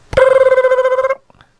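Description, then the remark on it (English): A telephone rings once for an outgoing call, a loud, trilling burst lasting about a second with a fast warbling pulse, then cuts off into near silence. “Yeah, we're going to phone her up.”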